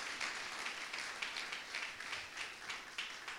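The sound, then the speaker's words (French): A church audience applauds the Lord together, a dense, steady wash of many hands clapping at a soft, even level with faint rhythmic surges, no voices standing out. “L'église applaudit le Seigneur.”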